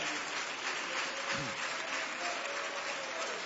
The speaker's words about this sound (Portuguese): Quem louva a Deus por este momento, diga glória a Deus. Aleluia, pode aplaudir ao Senhor.